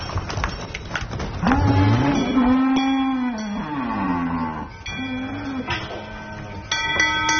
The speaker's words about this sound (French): Donc nous, elles prennent un premier repas de foin après la traite ici. Ensuite, on les emmène en pâture pour manger le peu d'herbe qu'il y a. C'est l'heure d'aller dans le pâturage pour les vaches